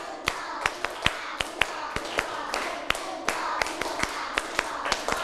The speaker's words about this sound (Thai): 1ชุดก่อนนะตั้งสติปรบมือ1ชุดปรบมือ2ชุด